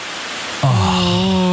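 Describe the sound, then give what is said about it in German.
Autumn leaves rustle steadily in the trees as the wind picks up, a dense hissing wash of sound. About halfway through, a steady low humming tone with a buzzy edge starts up and continues beneath the rustling. “Es wird einfach wieder windiger und das sorgt halt für dieses Blätterrauschen.”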